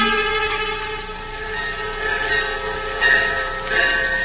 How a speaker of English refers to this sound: At a railroad station in Dallas, Texas.